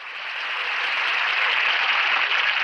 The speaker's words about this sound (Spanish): Es emocionante. ¡Qué aplauso!